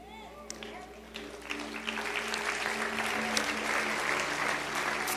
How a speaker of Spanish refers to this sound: Tú aplaudes, pero si tú hubieses escuchado esto, no hubieses aplaudido.